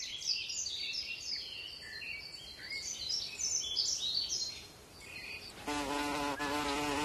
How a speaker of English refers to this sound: The long-awaited guest arrives. This is the bumblebee, a kind of bee.